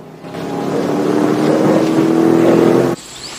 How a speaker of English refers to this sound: He then watches the truck race off into the distance.